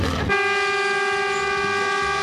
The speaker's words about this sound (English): We're right on the cane line here, and that's a cane train heading to